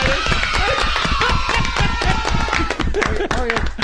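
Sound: children applauding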